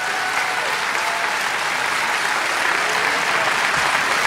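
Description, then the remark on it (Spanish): A church audience applauds for Christ, the King of Kings, steadily: a dense wash of many hands clapping at an even, fairly loud level throughout, with no voices standing out above it. “Sí, ese aplauso es para el Rey de Reyes.”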